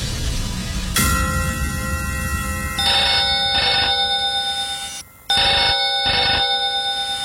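A telephone rings insistently with a bright, trilling bell in repeated bursts, loud and close, with a brief gap before the ringing resumes; no one speaks.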